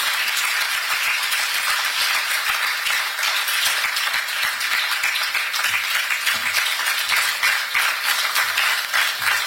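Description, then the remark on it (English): An audience applauds keynote speaker Lawyer Sammy Jemfi, CEO of the Ghana Gold Board, after his speech, steadily throughout: a dense, bright wash of many hands clapping at once, loud and even with no voices breaking through. “A round of applause for Lawyer Sammy Jemfi.”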